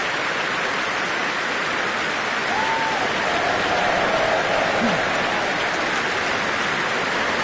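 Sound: audience cheering and applause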